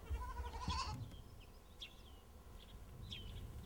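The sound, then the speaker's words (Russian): A young goat lets out a single wavering bleat at the start, fairly loud, followed by faint chirps of birds over a low outdoor rumble. “Такой козленочек хорошенький.”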